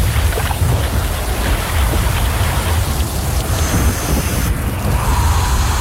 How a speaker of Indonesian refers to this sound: Eleh, hujan lagi. Mana gak bawa jas hujan?